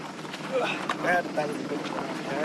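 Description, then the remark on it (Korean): A tractor serving as the village bus in the Knuckles mountain range arrives, its engine running steadily, a loud continuous rumbling drone throughout, with indistinct voices faintly mixed into the noise. “드디어 너클스 산맥의 마을 버스 트랙터가 도착했습니다.”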